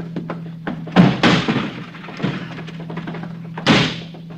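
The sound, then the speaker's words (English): Heavy, booming thuds as a locked door is kicked in, several blows spread out over a few seconds with a loud crash near the end, set against a low steady hum. “It's locked. I don't have a key. All right, I'll kick it in.”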